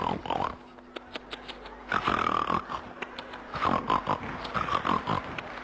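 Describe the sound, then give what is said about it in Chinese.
A voice imitates loud, exaggerated snoring, a series of rough snorting inhales and wheezy exhales repeating in an uneven rhythm, prominent with no other talk. “不是，您等会儿，等会儿 啊， 这是人打呼噜吗？”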